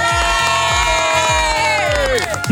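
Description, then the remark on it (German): Neighbours at a barbecue party in Weil am Rhein cheer and shout together, a loud, continuous crowd noise with voices rising and sliding, over a steady thumping low beat repeating several times. “Nebendran hört man noch die Nachbarn.”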